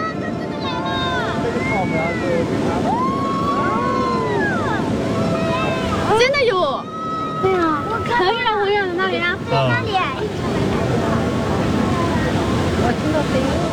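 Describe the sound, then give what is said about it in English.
A tidal bore on the Chentang River surges upstream with a steady, loud roar of rushing water, while a crowd of voices shouts and calls excitedly over the wave. “The tidal bore is a huge mixer because a tidal bore carries a lot of sediment.”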